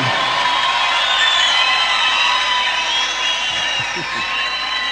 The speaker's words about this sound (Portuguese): Cadê os aplausos? Oi!